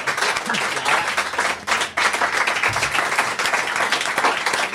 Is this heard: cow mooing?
no